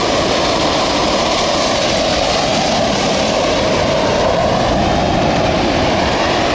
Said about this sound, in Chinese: 我们现在在画面中看到的是正在倒塌的2号锅炉。那从外面看到这个震撼的景象呢，可能会以为是在实施爆破拆除，但实际上今天进行的是机械物理拆除。